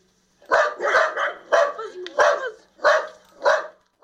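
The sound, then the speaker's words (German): A small wire-haired dachshund barks about seven times in a steady, evenly spaced series, each bark loud and sharp, with no other sounds around it. “Ich habe mir einen Hund angeschafft. Einen kleinen, niedlichen und kampflustigen Rauhaardackel.”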